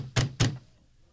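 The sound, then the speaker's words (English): Guards pound on a wooden door with two heavy, booming knocks in quick succession, loud, then a short resonant decay into quiet. “Open up! Open up in the name of the council.”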